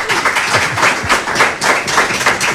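An audience claps steadily, a dense, even wash of many hands with no pauses and no talking, holding a fairly loud level throughout.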